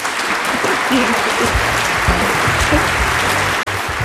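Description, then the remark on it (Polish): A crowd claps loudly and steadily, a dense wash of applause that holds for several seconds, with a voice or two faintly audible beneath it and a brief dip near the end. “Wielkie, ogromne, kolosalne brawa.”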